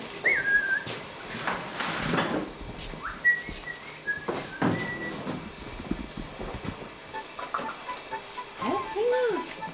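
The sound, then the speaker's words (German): In a kitchen, a magpie gives short, scattered whistling chirps and a few harsh bursts, mixed with faint voices and household rustling. “Ich meine, Banane ist ja nicht so das Elsterfutter, aber ich möchte ja auch kein Stück Fleisch geben.”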